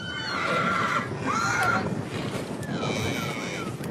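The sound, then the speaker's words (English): Horses whinny in short, high calls over a steady outdoor rumble of wind and movement, as horse riders move cattle around a small yard at a camp drafting clinic in Topar, far west New South Wales. “In the small community of Topar, amongst the red dirt and flies, horse riders and spectators watch intently as cattle are moved around a small yard.”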